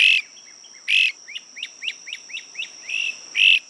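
A songbird sings clear with no voices: loud buzzy bursts framing a quick, evenly spaced run of short rising chirps, over a faint steady high-pitched hum.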